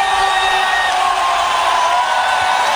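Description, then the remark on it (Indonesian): A loud, dense crowd at an evening public screening of a big football match roars continuously, cheers, applause and shouts blending into a steady wall of noise with a few sustained whistle-like tones running through it. “Malam ini, layar menyala, pertandingan besar dimulai, suara-sorak tepuk tangan dan teriakan menyatu dalam suasana nonton bareng.”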